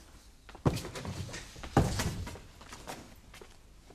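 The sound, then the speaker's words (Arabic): The door to a bedridden man's room is opened with two solid clunks about a second apart, likely the latch and the swing, followed by faint rustling and shuffling. No one speaks. “لنفتح الباب وندخل عليه يا مولاتي حتى نتيقن. نعم، افتح الباب.”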